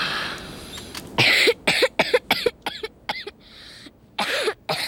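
A person coughs hard and repeatedly in a long, harsh fit, with rapid bursts in quick succession and brief gasping pauses between them, loud.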